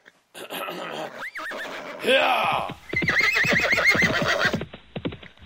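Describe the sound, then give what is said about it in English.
A bandits' leader's horse, told by its rider to run away, lets out a loud, shrill whinny, then hooves break into a fast, rhythmic gallop of rapid clip-clop beats that carries on for a couple of seconds before cutting off. “So the leader of the bandits looked around, and then he told his horse to run away.”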